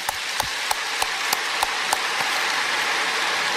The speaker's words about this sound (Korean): 이럴 때 하나님께 좀 감사의 박수를 올립시다. 할렐루야.